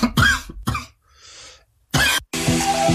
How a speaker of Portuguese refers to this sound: Primeiro veio a tosse de um colega, depois a rouquidão de outro.